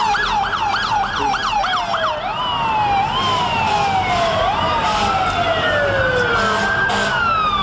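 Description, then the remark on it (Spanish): Loud emergency sirens of the 11 September 2001 terrorist attacks, opening with a rapid high-pitched yelp that shifts into slower rising-and-falling wails, several sirens overlapping over a steady rumble of traffic noise. No one speaks. “Ya escucharlo, alarma, fueron una serie de 4 ataques terroristas suicidas coordinados de corte yihadista cometidos por el grupo terrorista Al-Qaeda.”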